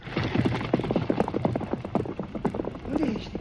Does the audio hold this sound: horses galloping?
yes